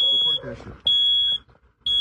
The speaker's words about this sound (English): From a carbon monoxide alarm that kept going off.